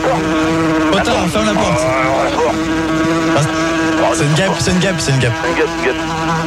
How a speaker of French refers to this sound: C'est une guêpe.